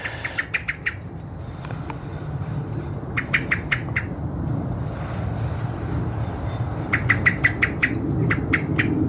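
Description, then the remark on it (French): A bird gives its alarm call: three bursts of rapid, sharp, high chirps, several notes each, separated by pauses, over a steady low engine-like rumble. “Voilà, il y a manifesté, voilà, curiosité, je suis là, je me signale, j'alarme.”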